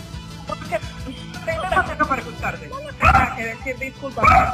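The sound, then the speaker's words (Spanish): A woman's fierce dogs bark aggressively in loud, sharp bursts at her barely opened door during a live Radio Loreto report, with two strong outbursts standing out near the end, while people talk in the background throughout. “Ahí se lo decimos por el olor nauseabundo y tus perros que son bravos.”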